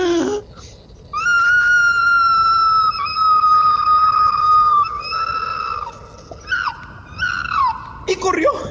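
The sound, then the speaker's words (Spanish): A person vocally imitates an opossum's pained scream: a long, loud, high-pitched sustained wail that breaks into shorter quavering cries, delivered alone. “Y el tlacuache pegó un fuerte grito de dolor, más o menos así.”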